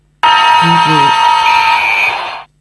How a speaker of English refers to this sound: Oi, that's the full-time siren.